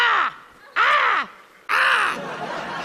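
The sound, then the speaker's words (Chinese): A voice imitates a crow, letting out three loud, harsh caws in a row with short pauses between them; the last caw runs longer and fades into a steady wash of background noise. “就是代表很冷， 跟乌鸦一样，好不好？”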